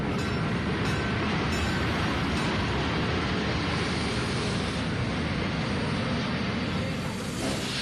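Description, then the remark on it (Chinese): A passenger train from Wuhan to Beijing arrives at a station, rumbling steadily along the tracks, a loud, continuous low clatter and roar that holds for the whole stretch with no voices over it. “放心吧， 武汉到北京就这一趟火车，他一下车咱就实施逮捕。”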